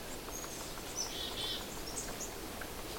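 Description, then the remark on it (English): A few short, high, thin chirps from a flock of small birds passing through the woods, a few of them chickadees, scattered across the moment and fairly faint above a steady wash of hissing background noise. “There's a whole flock of little birds passing by. Except for a few chickadees, there's not much being said.”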